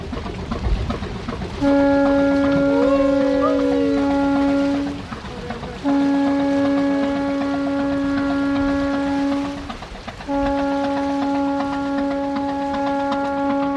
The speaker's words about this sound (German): Der Motor läuft, die Leinen werden losgemacht. Langsam bewegt sich das Schiff vom Kai weg.